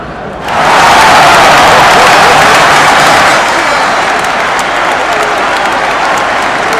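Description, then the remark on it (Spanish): A crowd bursts into loud, sustained applause with cheering, a dense wash of clapping that swells quickly and holds steady, easing only slightly toward the end, celebrating the winner of the day's contest. “Escuchá, escuchá los aplausos de todo el mundo.”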